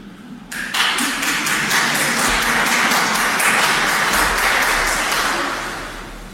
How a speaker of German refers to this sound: Der war aber schon ein bisschen dürftig, der Applaus. Ihr traut euch selber nicht, gell?